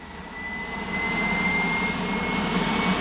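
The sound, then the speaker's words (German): A white Spanish armed forces helicopter's engine roars steadily with a high turbine whine, swelling louder after the first second as it slowly lifts off into a blue sky at the Valley of the Fallen basilica in Spain, beside a 152-metre grey concrete cross; continuous with no voices. “Langsam steigt der weiße Hubschrauber der spanischen Streitkräfte in den blauen Himmel.”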